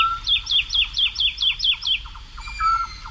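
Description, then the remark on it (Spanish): A woodlark sings in flight, hanging in the air over the fields of Daimiel around 5 a.m. before dawn on a full-moon night: a rapid series of about eight liquid, descending whistled notes, then a brief higher phrase; the song is clear and alone over a faint low background rumble. “pero a estas horas, hacia las 5, 5 y pico de la mañana, una noche de luna llena, en el cielo, colgada en el aire, ahí cantando una totobía, la alondra de bosque.”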